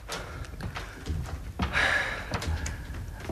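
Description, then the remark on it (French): A door thuds shut, followed by a few sharp metallic clicks and scrapes as bolts are slid into place, with faint shuffling in between. “Bah ben alors ouvre. Referme. Pousse les verrous.”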